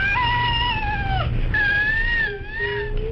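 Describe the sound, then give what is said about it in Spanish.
The real cry of a baby with cri-du-chat syndrome, a genetic alteration caused by loss of part of chromosome 5: thin, very high-pitched, cat-like long sustained wails with a brief break in the middle, loud, with no talking. “Vamos a escuchar el llanto real de un bebé con este síndrome.”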